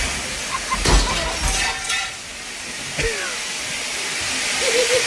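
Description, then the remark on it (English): Water gushes in a steady, loud hissing rush from a broken head of a commercial sprinkler system, broken by a few sharp cracking clinks early on, with a faint voice briefly underneath. “It's a huge gush. She broke the sprinkler head.”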